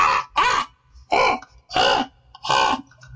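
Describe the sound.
A person imitates a crow, giving five harsh, raspy caws in a steady rhythm, each loud with short pauses between, and no other talking.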